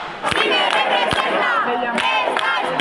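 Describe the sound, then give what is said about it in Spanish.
A large crowd of protest campers chants and shouts slogans in unison at the Puerta del Sol, a steady loud roar of many voices with rhythmic swells and sharp accented bursts. “Centenares de personas han improvisado pequeñas marchas, han avanzado una pequeña distancia de estas vías y rápidamente han regresado a la Puerta del Sol, donde siguen entonando las proclamas. Bueno, la acampada sigue, como estamos escuchando,”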